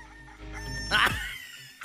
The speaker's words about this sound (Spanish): ¡Hala, mira, ese gallo sí es real, ¿no? Como el que tengo yo acá, ira.